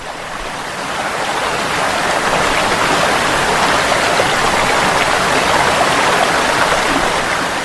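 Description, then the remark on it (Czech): A waterfall below the town of Jajce fills the scene with a steady, loud, roaring rush of water, building slightly in the first second and then holding constant without pause or other sounds. “Čovjek, grad Jajce, a priroda pod njim vodopad.”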